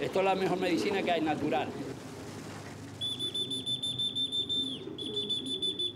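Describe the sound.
A person whistles a single long, steady, high-pitched note for about two seconds to train pigeons, coming in after a stretch of talking and carrying over a busy outdoor background.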